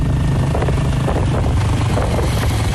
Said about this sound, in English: rides her motorbike from her home to her farmland, where she grows durian and bananas.